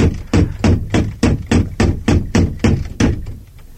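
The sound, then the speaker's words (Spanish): A heavy door knocker bangs against a wooden door about eleven times in a steady, brisk rhythm, knocked for the third and last time, each strike loud and resonant, the blows fading slightly toward the end. “Volvió sobre sus pasos hasta la puerta, batiendo por tercera y última vez el aldabón.”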